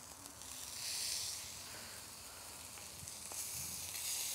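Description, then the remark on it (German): Meat brushed with a little oil sizzles steadily in a hot grill pan, a continuous crackling hiss that swells and eases slightly, with no one talking. “Da ich jetzt hier eine Grillpfanne habe, bepinsel ich das Fleisch mit ein bisschen Öl, dass das gleich nicht so da dran kleben bleibt”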